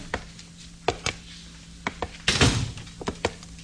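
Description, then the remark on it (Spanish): A wooden cabin door opens and shuts with a handful of sharp knocks and thuds, a brief scraping swing in the middle, with a low steady hum underneath and no voices. “Sandú experimentó una viva sorpresa cuando al abrir la puerta de la cabaña...”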